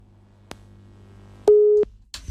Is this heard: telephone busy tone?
yes